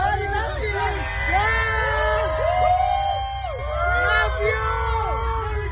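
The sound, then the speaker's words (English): A large crowd of fans at Comic-Con cheers and screams excitedly as a star in an Ebenezer Scrooge outfit promotes his movie, with overlapping high-pitched shouts and whoops rising and falling in a continuous, loud roar of voices. “It's a little bit hard to make out, but fans are going crazy, and he does yell humbug at the end.”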